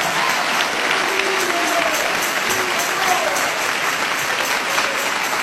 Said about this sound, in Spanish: Dale ese aplauso de alabanza y de victoria a Jesús de Nazaret.